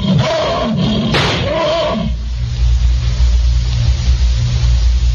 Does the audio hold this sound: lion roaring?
yes